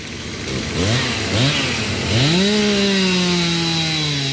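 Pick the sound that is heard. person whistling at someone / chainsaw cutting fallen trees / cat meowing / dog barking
chainsaw cutting fallen trees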